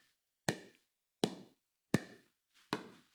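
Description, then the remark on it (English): A pickleball paddle strikes a ball four times in steady rhythm, each a sharp hollow pop with a brief ringing tail, alone with no talking. “I have never picked up a pickleball racket, by the way, but this is the sound.”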